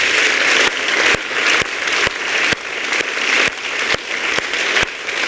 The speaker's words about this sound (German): Dafür holen wir natürlich nochmal alle Poetinnen und Poeten dieser zweiten Runde auf die Bühne unter tosendem Applaus.